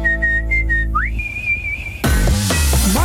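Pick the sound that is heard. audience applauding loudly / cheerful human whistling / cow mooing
cheerful human whistling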